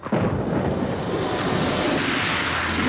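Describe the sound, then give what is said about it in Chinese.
A loud rush of splashing water as a motorcycle speeds through a rainwater puddle on a rainy day, splashing a pedestrian, a steady spraying whoosh lasting a few seconds with a faint low engine hum underneath. “哎呦，你这摩托车要飞啊！溅我一身水啊！”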